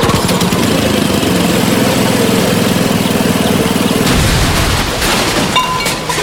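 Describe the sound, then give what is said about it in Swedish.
A small garden-machine engine, not serviced at Lunds Park och Maskin, runs loud with a rough, steady drone, then turns harsher and sputters with irregular pops near the end. No one speaks. “Den var inte heller servad på Lunds park och maskin.”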